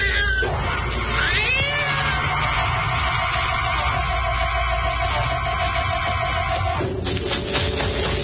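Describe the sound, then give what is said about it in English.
A cat yowls loudly in fog, one long, wavering cry with rising and bending pitch, sustained for about seven seconds before breaking off, with no voices present. “Yes, I can see it now. It's a cat.”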